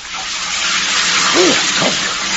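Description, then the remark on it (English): A shower in a bathroom sprays in a steady hiss of running water throughout, with a couple of brief, faint vocal murmurs rising over the spray near the end. “Anyway, now I can stand up and finish off with a nice shower.”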